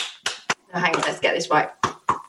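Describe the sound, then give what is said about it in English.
A few sharp hand claps, made to imitate sex noises, land at uneven intervals, slapping through a stretch of muffled voices and laughter-like vocal sounds that fill the gaps between them. “Oh, that's a lovely bit of clapping action there.”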